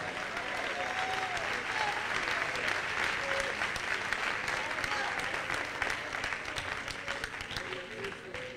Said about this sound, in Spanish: Dale palmas al Rey en esta noche.